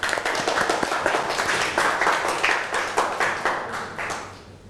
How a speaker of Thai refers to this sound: โอเคปรบมือเพื่อนหน่อยค่ะ